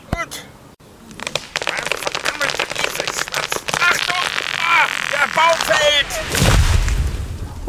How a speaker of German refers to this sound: Die Axt ist viel zu klein. Ich brauche ganze drei Schläge, um einen Baum zu fällen.